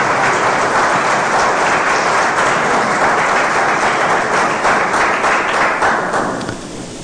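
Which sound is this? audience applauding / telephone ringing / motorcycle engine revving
audience applauding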